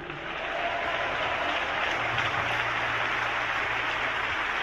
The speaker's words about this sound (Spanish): Dele palmas a Cristo, esto es...